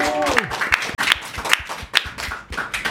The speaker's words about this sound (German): So einen Applaus hätte ich jetzt gar nicht erwartet.